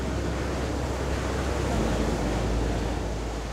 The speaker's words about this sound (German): Ich starte meine Spurensuche an der Côte d'Azur in Cannes. Boah, ist das laut hier mit dem Wind und den Wellen.